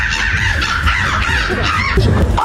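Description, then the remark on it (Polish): A person at the third Polish Bird Imitation Championships in Warsaw imitates a crow's caw with their voice, producing a series of loud, harsh, rasping calls in close succession that sound convincingly bird-like, with no talking. “ludzie potrafią tylko za pomocą własnych ust brzmieć jak prawdziwe ptaki”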